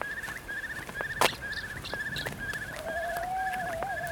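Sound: barn owl call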